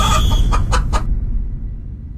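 The Radioactiva rooster calls from the 2026 World Cup in a quick run of short, loud bursts over about a second, then stops, leaving a steady low rumble underneath.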